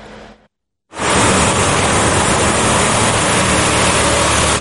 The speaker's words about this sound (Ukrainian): Стільки виливають води на львівські вулиці, аби хоч трохи збити спеку. Водовозки виїжджають самісінького ранку і проходять по маршруту щогодини аж до заходу сонця.